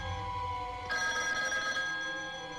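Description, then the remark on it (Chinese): An old-style telephone bell rings out loudly, a bright metallic trill starting about a second in and continuing to the end, with no voices present; a call from Ouyang Wu, deputy commander of the Provisional 52nd Division, to Zheng Dongguo. “郑洞国最早得到第六十军起义的消息，是接到暂编第五十二师副师长欧阳武偷偷打来的电话。”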